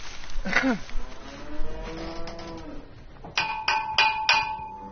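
Someone bangs on the bottom of a metal bucket, as done to call cows back, four sharp, evenly spaced clangs, each leaving a bright ringing tone, after a few seconds of murmuring, voice-like sounds.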